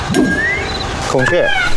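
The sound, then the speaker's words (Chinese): A loud, nasal peacock call rings out with a strained, bending wail, rising over a busy background of faint clinks and murmured noise. “孔雀不能吃哦。”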